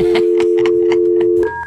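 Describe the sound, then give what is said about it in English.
A steady phone dial tone hums while a quick series of short keypad beeps taps out a number, ending in a brief two-pitch tone. Clear, with no voices. “Let's get this lover on the phone.”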